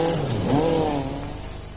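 A Skoda Super Estelle car engine revs up loudly, its pitch climbing and then holding steady as it settles into a continuous drone, alone without any voices.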